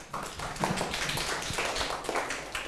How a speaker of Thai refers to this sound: เอาปรบมือเพื่อนหน่อยครับ